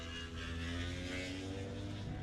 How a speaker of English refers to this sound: Oh, just touching the limiter there, yeah, too. Yeah, a little FR450 machine, isn't it? Yeah, that bike just gone through there as well.